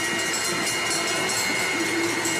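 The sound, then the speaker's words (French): A lap bell rings at a cycling race as riders complete a lap before the finish, its bright metallic tone holding continuously over a loud, steady wash of noise, with no voices. “On va écouter la cloche.”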